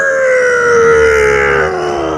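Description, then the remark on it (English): A voice imitates the plane flyover at an All Blacks test match with a loud, sustained droning hum whose pitch slowly slides downward, rough and buzzing, with no words spoken, for a little over two seconds. “It's supposed to be the plane flyover at the All Blacks test and match.”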